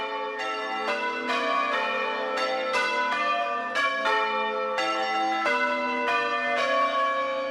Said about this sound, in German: Das Glockenspiel ist Mitte des 16. Jahrhunderts in der Provinz Bologna entstanden. In der Gegend ist man stolz auf diese Tradition. Noch heute werden die Kirchenglocken zu besonderen Anlässen von Hand geläutet.